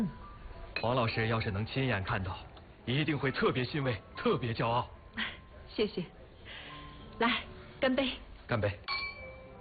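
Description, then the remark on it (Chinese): Glasses clink together in a toast, a brief bright ring heard amid steady conversation between people speaking. “来，我们干一杯。”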